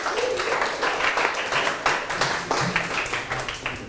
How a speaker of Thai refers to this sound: ได้คำตอบเท่ากันไหม1เศษ1ส่วน10เท่ากันไหมครับเท่ากันปรบมือให้กลุ่ม1ด้วยครับ